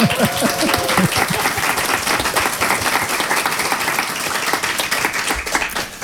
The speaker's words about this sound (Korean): 박수 한번 쳐야죠.